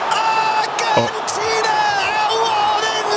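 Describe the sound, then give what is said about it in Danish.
A loud, dense roar of football fans shouting and chanting together at a match against Lionel Messi's Argentina, sustained, with a sharp thud near the start cutting briefly through the crowd noise. “det her, fordi de råber så højt. Men jeg synes, at energien er fantastisk.”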